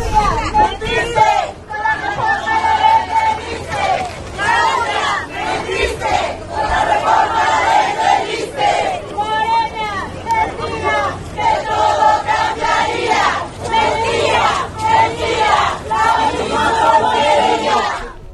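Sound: protesting teachers shouting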